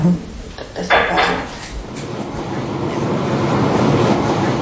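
An underground subway train rumbles along in a steady, loud roar, with a few metallic clacks and rattles near the start before the noise settles into a continuous rushing drone.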